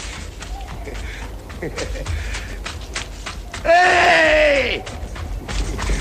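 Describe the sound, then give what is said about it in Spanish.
A man lets out a loud, drawn-out cry lasting about a second, its pitch sliding downward, set against a noisy background of scattered knocks and movement: the cry of Azarías from the film Los Santos Inocentes. “El grito de Azarías y la música de los Santos Inocentes nos indica que hemos llegado a ese espacio que estamos dedicando a repasar la vida y obra de Paco Rabal.”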